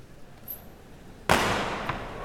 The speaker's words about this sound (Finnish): Noin, paukkupommeja.